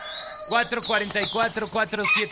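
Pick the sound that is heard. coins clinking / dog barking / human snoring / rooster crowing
rooster crowing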